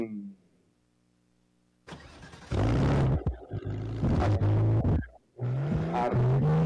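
A low hum gives way to a car engine roaring loud, its pitch climbing as it revs hard, pausing briefly, then surging again as the car pulls away with Don Santos driving off in it.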